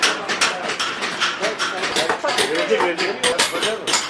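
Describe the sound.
A busy bazaar in Urfa hums with many overlapping voices chattering at once, while sharp clinks and clatters of metal and crockery pop out through the steady, loud crowd noise.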